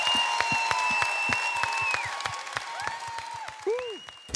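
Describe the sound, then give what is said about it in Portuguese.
Audience applause for a song performed by several artists, with scattered, uneven claps and a steady hum of crowd noise, while high whistling tones hold and bend above the clapping. “Merece. Até palmas, mãe querida, esta bonita música com vários artistas.”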